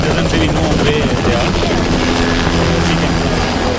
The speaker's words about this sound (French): Sur ce camp de l'armée, une dizaine d'hélicoptères décollent et atterrissent tour à tour. Ils chargent des vivres à livrer en zone sinistrée à 50-100 km au nord.